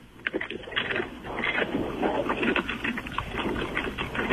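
A dog named Lindy chews a crunchy treat, with a steady stream of rapid, irregular crackling crunches and wet mouth sounds over about four seconds. No one speaks.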